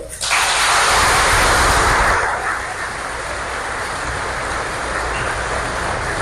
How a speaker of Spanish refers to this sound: A ver, alce la mano, ¿quién viene por primera vez? Alce la mano. Un aplauso.